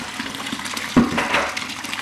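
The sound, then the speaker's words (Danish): Freshly pressed raw apple juice pours steadily from a spout into a glass, a continuous gurgling splash with a brief louder surge around the middle; no one speaks. “Jamen lækkert, nu får jeg faktisk lige stukket et glas i hånden. Lars, må jeg tage en tår af det her? Og stikke den ind under tud der.”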